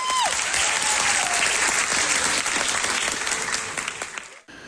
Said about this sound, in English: As the curtain closes on the cast's final local production before they ship off across the pond, their friends and family give them thunderous applause.